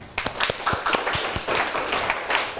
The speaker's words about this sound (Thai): ปรบมือให้ตนเอง